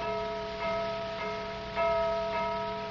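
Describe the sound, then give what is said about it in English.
Metallic gong strokes ring out at a steady pace, about four in quick succession, each blow adding to a sustained, shimmering hum of overlapping tones. No voices are heard. “Did you hear it, Tex? 8. The 8th level.”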